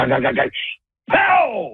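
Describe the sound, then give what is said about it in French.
A voice imitates a pilot starting an airplane engine: a rough, sputtering rumble, a brief hiss, a short silence, then a louder whining roar that holds steady. “Fait que je vois le pilote, il part le moteur, puis ça fait...”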